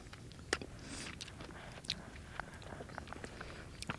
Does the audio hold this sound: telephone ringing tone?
no